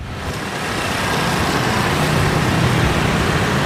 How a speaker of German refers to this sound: 8.30 Uhr morgens, Rush Hour in Brüssel. Tausende strömen aus der U-Bahn in die Gebäude der EU, der Kommission, des Rats.